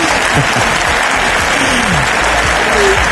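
A crowd claps steadily and loudly throughout, a dense, sustained wash of applause with no pauses, full.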